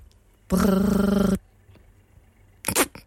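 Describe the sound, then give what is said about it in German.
A voice imitates a quietly set analog telephone ringing, with a rolled, buzzing 'brrr' trill lasting almost a second, followed after a pause by a shorter, breathy vocal burst. “Ich kann ein leise gestelltes analoges Telefon nachmachen.”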